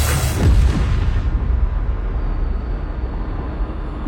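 A single heavy blast from a ship's cannon loaded with scrap iron and aimed at pirates erupts at the start, loud, then trails off into a long, deep rumbling echo that slowly fades over several seconds.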